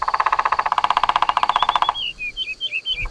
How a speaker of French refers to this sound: Un oiseau avec des plumes vertes, une tête rouge et un long bec. C'est un pivert. Le pivert tape avec son bec sur le tronc de l'arbre pour parler avec les autres oiseaux. Il tambourine.